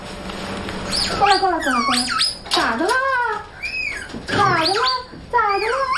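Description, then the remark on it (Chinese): A royal gibbon baby named Buqiao, the roommate of Maolizi, squeaks and cries in a run of loud, high, wavering wails, each call sliding up and down in pitch, with brief pauses between them. “他就是毛栗子的室友，皇家长臂猿宝宝不巧。”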